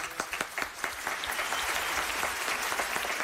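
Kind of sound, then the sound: crowd, applause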